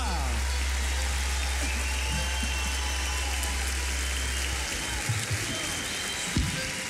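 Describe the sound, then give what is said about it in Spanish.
Loud, sustained audience applause for the kids from Patagonia fills the whole stretch as a dense, steady wash of clapping, with a low droning hum beneath it for the first few seconds. “Fuerte el aplauso.”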